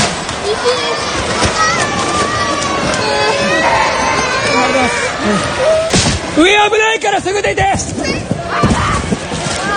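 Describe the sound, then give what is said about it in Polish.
Children cry and wail amid chaotic commotion in a shopping centre during an earthquake, as people hide between store shelves, with crowd noise, clattering and banging objects, and a surge of high, wavering cries toward the end. “Słychać też płaczące dzieci.”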